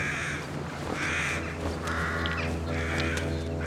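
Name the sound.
crows cawing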